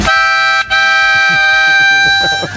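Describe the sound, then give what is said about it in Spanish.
A loud car horn, used to warn a driver who is cutting into one's lane, sounds a brief blast, pauses for a split second, then holds a long, steady, bright honk to the end, with faint murmuring underneath. “El de avisar, sí, no, el de avisar de que te estás metiendo en mi carril, ¿cuál sería, por ejemplo?”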